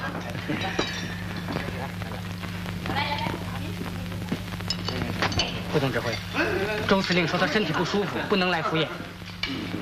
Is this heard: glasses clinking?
yes